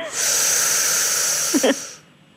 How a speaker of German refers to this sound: Also jetzt liege ich und jetzt muss ich... Jetzt atmen Sie mal ein.